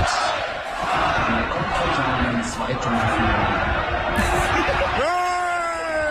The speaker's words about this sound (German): der Jubel, als das Bild schwarz wurde, hat zum Glück nur so ein paar Sekunden gedauert